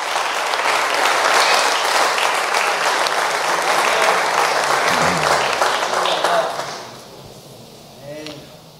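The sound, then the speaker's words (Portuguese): An audience claps loudly and steadily for Jesus for about six seconds, a dense wash of many hands, before the applause cuts off and a voice briefly speaks in the quiet. “Vamos dizer graças a Deus por esses parágrafos e palmas para Jesus.”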